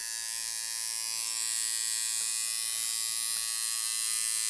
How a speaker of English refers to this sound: Your second go was an electric toothbrush. It was, in fact, a tattoo gun.